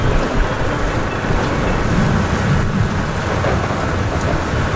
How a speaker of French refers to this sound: Bon, on est vraiment au cœur de l'orage. Hein. Ouais. Là, il y a la pluie, le vent... Les éclairs, là on voit plus rien.